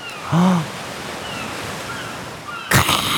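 Steady seaside waves wash continuously as a sound effect, with a short gull cry near the start and a louder surging crash of surf near the end.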